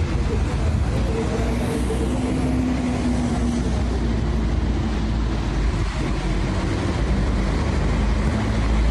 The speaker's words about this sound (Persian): این موتور برق ها.